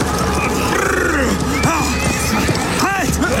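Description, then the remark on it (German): A horse whinnies loudly as its rider forcefully stops it, with rising and falling squealing cries over a dense, steady background of noise and faint hoof clatter. “Gewaltsam stoppte er sein Pferd.”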